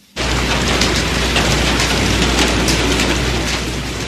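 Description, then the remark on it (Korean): Heavy rain pours down and leaks through the roof of an old house, with 18 bowls set out to catch the water, in a dense, steady hiss that starts abruptly and holds loud and unbroken throughout, with a low rumble underneath and no voices. “무슨 지붕이 이렇게 잘 새요?”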